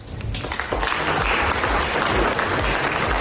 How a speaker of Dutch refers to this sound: President Trump was in Frankrijk, waar hij zijn krabbel zette tijdens een diner in Versailles. Daarna was er applaus, onder meer van zijn collega Macron.